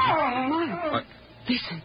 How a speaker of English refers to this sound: Listen. Oh, Lord, it sounds like somebody's been hurt.